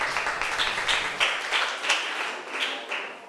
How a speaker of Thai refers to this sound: ปรบมือให้เพื่อนกลุ่มหนึ่งด้วยค่ะ